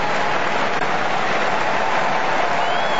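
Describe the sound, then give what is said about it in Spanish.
Steady, dense applause from a large football stadium crowd for a team leader during a substitution, a continuous wash of clapping that holds at the same level throughout without pauses or distinct voices. “El aplauso para el líder.”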